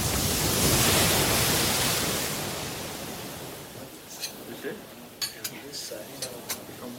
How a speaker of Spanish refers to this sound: Durante dos días, los náufragos permanecieron en el faro acogidos por los torreros y sus familias, mientras el mar seguía rompiendo contra la costa.